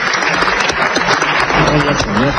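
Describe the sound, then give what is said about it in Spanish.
Dense, steady applause from a large crowd fills the parliament chamber after a speech on the results of the Barcelona summit, with a voice speaking faintly underneath the continuous clapping. “parece que no quedó muy convencido de sus propias palabras, porque cuando empiezan a aplaudirle, suelta lo siguiente.”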